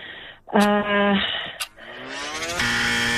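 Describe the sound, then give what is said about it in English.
A loud, harsh game show buzzer blares for about half a second, then a second raspy buzzing tone swells, climbs slightly in pitch and holds steady until the end. “Yeah, so I heard that one just as the buzzer came through, yeah.”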